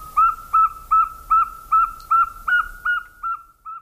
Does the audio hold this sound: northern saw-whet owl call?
yes